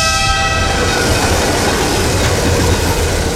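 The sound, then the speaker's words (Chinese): A train rumbles past loudly and steadily, its horn sounding a sustained, multi-tone blast at the start that fades within the first second or so, leaving the roar of the passing cars. “如果前方车流缓慢，请在平交道口前停车，确保铁轨完全畅通后再通过，不要拿生命冒险。”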